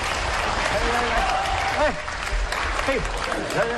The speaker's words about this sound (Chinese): 闪亮登场，掌声鼓励，掌声啊，掌声鼓励！